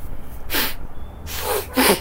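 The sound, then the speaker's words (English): A child sniffs wetly through a runny nose, three short, noisy snuffling bursts in quick succession with brief pauses between them. “Don't sniff, blow.”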